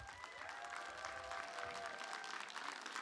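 An audience applauds a beatbox performer after his stage performance, a dense wash of many hands clapping at an even, sustained level for the full few seconds, with no voices rising above it.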